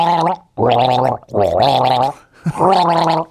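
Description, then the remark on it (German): Someone gargles a melody with water in four loud, bubbly phrases separated by brief pauses, the wavering pitch rising and falling like a sung tune. “Gurgel dir ein Lied, pass auf, ein Schluck Wasser für mich.”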